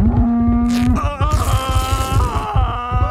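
A cow lets out one long, steady moo, then loud, busy rhythmic music with heavy low thumps takes over; nobody speaks.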